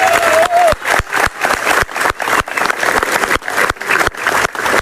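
Loud, sustained crowd applause fills several seconds, with sharp, steady rhythmic claps punching through the dense roar and a brief whistle at the start. No one speaks over it.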